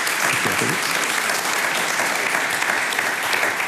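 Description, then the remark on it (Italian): Sustained audience applause welcoming Giulio Tremonti, president of the Foreign Affairs Committee of the Chamber, a dense, steady wash of many hands clapping at even loudness throughout, with a faint voice briefly audible early on. “Un applauso.”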